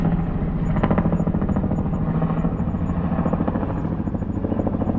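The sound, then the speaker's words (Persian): A helicopter, used by coup plotters to carry chief of general staff Hulusi Akar and senior commanders to an unknown place, drones loudly, its rotor beating in a fast steady chop over a deep engine rumble that holds even throughout, with no voices. “در ساعت بعد رئیس ستاد کل نیروهای مسلح خلوصی آکار و فرماندهان ارشد توسط کودتاچیان با یک بالگرد به مکانی نامعلوم منتقل شدند.”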